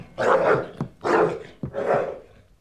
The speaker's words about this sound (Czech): No tak chytni to psa, slyšíš? Chytni ho a uklidni.